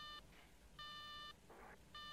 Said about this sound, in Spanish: ¡Central! ¡Maldita sea, central! ¡Emergencia! No hay quien coja ese teléfono.